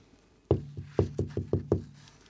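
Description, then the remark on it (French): Several sharp knocks on a wooden door, six quick raps in an uneven rhythm, fairly loud, with no talking: the wolf knocking at the door of the grandmother's house in Little Red Riding Hood. “Le loup arriva à la maison de la grand-mère. Il toqua à la porte.”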